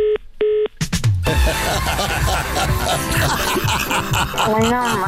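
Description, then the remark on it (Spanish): A couple of short electronic telephone dialing beeps sound at the start as a phone call fails to go through, then loud laughter and overlapping chatter from several people fill the rest. “Regrésale la llamada, no pasa.”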